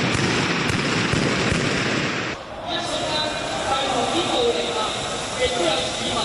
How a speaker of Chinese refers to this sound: 当局亦都进行反恐演习，无疑有极端分子过关时被发电管有枪械同弹药，并发动枪击，引致大量伤亡同需要即时疏散。现 场出现枪声，同时之间有人投掷汽油弹。